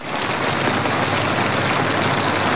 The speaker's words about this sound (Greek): Τα ξημερώματα του Σαββάτου, ισχυρή καταιγίδα έπληξε τη Μύρινα της Λίμνου. 4 το πρωί, δυνατή βροχόπτωση προκάλεσε συσσόρευση υδάτων στους δρόμους.